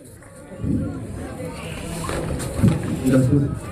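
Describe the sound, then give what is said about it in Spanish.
A steady wash of crowd applause welcoming the mayor, engineer Adolfo Arredondo Laime, swells after a quiet start and keeps going at an even, fairly loud level, with a few voices and a brief musical tone rising through it near the end. “Me refiero al señor alcalde, al ingeniero Adolfo Arredondo Laime, a quien lo recibimos con fuertes palmas. Fuertes las palmas para nuestro señor alcalde.”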